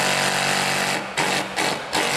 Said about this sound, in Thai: ถ้าเกิดว่ามีสว่านตัวสว่านอัตโนมัติอย่างเงี้ยก็คือมันจะมีตัวที่มี2โหมดอ่ะก็คือโหมดเจาะไม้ธรรมดากับโหมดเจาะกระแทกไว้เจาะปูน